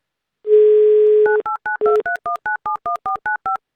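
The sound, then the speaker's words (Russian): A steady low telephone dial tone hums for about a second, then a quick, even run of about a dozen touch-tone keypad beeps follows as a call is dialed on Avtoradio, each a short two-pitch blip at shifting pitches, with no voices. “Давай позвоним.”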